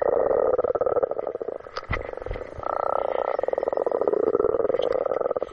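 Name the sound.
spring frogs croaking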